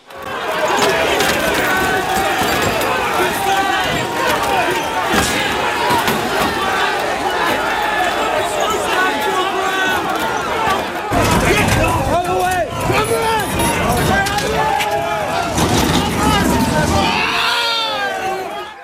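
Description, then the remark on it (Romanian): A chaotic street clash in Britain between hundreds of protesters and police, the angry crowd throwing bottles, bricks and bins at officers: a loud, dense crowd shouts and yells continuously, with scattered bangs and thuds, and individual raised voices cutting through near the end. “Sute de protestatari s-au ciocnit cu forțele de ordine după o intervenție eșuată într-un caz de crimă.”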